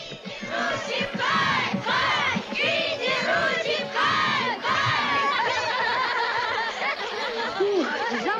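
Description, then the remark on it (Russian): A group of Indian schoolchildren in India shouts and cheers together as they toss a boy into the air, their high voices rising in repeated excited bursts, loud, with overlapping yells and laughter throughout. “Группа индийских школьников подбрасывает … в воздух.”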